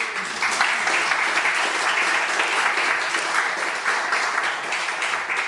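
A crowd claps steadily for a photo artist and a communication scientist, a dense, even wash of applause at fairly constant loudness that runs throughout without any voices rising above it.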